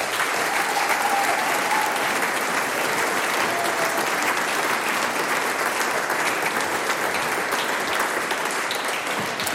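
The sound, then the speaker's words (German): A large audience claps steadily and loudly, a dense wash of applause that holds at full strength for the whole stretch without fading. “Einen großen Applaus”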